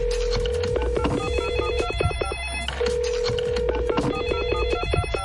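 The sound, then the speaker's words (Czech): A telephone rings in two long bursts separated by a short pause, a steady electronic ringing tone layered over a busy musical bed, clear and prominent with no voices. A call is being placed to the head of the Hrady CZ festival at Veveří castle. “No a my budeme volat s tím nejvyšším.”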